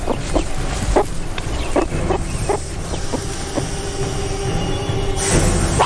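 A meerkat sentinel gives a series of short, sharp bark calls, clustered in the first few seconds and spaced irregularly, over a steady hissing background with a thin high whine.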